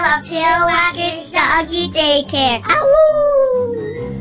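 A dog vocalizes in a run of loud, wavering yelps and yowls, ending in a long drawn-out howl-like note, with no one talking, in an advertisement for grooming at Tail Waggers Doggy Daycare.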